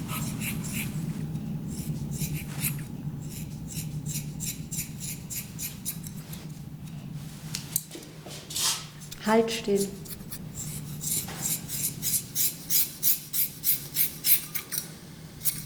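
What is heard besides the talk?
scissors scraping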